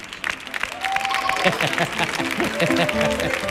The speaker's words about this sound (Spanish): Fuerte el aplauso